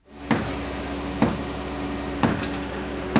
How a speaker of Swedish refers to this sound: En man bankar med en hammare för att försöka göra hål i betongen på det raserade huset i La Guaira utanför Caracas.